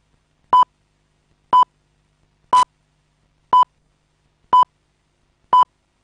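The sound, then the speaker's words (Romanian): Six short electronic beeps at exactly one-second intervals, the last slightly different in tone, clear and steady against silence: a Romanian radio exact-time signal from Bucharest marking 1 o'clock. “Aici București, Radio România Actualități. Ora exactă.”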